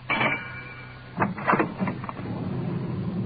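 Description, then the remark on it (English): A police radio car's engine drones steadily at a low pitch as the car swings around into a pitch-dark alley on a bumpy ride, with a few sharp clunks and rattles breaking in midway and a thin high whine fading early on. “Swinging around to get into the alley.”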